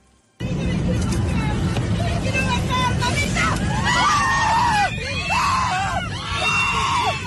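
Panicked screaming from a crowd of passengers aboard Fly Dubai flight FZ-1073 from Dubai to Tel Aviv, rising and falling in repeated wails over a steady low engine drone and confused babble, loud throughout.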